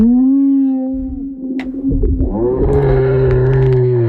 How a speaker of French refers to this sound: Et justement, elle aussi, elle bouge, mais elle bouge sous l'eau. Écoutez le chant des baleines.